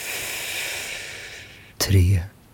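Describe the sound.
A long, airy breath drawn in steadily for over a second, fairly quiet, followed by a short, louder voiced gust of breath near the end.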